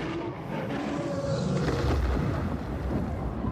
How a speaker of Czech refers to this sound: Náhle prorazil ticho burácivý řev.